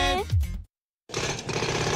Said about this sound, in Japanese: パパ、工事の機械ってかっこいいね。